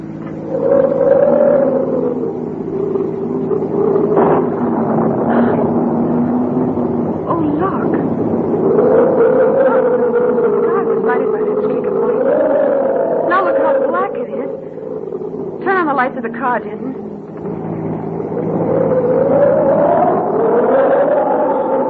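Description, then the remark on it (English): A strong storm wind in the hills howls and roars without letup, its moaning pitch sliding up and down in long swells, with brief sharper gusts and rattles breaking through the loud, steady rush; it is too strong to keep a car on the road. “We'll never be able to keep the car on the road with a wind like this.”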